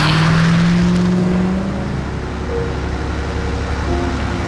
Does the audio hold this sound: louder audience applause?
no